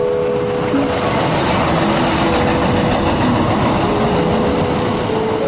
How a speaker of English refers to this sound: it doesn't matter if the train is in a tunnel or rolling above the streets, it's still loud as hell